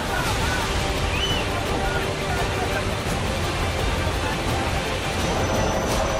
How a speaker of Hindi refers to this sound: तिनके की तरह बहती गाड़ियां, ये तस्वीर जम्मू कश्मीर के कारगिल की है। बादल फटने से यहां पानी का ऐसा उफान आया कि पेड़ और गाड़ियां तिनके की तरह बहती नजर आई।